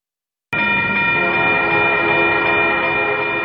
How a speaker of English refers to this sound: None of us like being stopped by a train, but it may happen if you travel on the south side of the UA campus. In fact, we have two train lines that border campus between Bryant Drive and 15th Street.